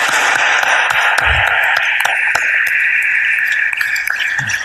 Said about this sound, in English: Can we please give them a round of applause, please?